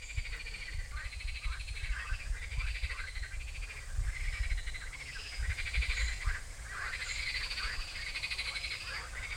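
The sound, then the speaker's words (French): A dense chorus of frogs croaking continuously by a river, many overlapping rhythmic calls over a steady low rush of flowing water, fairly loud with no voices. “Donc normalement on n'a pas le droit de les manipuler parce qu'elles sont protégées, toutes les grenouilles de France, tous les crapauds de France, ni au stade de têtards, d'œufs ou d'adultes.”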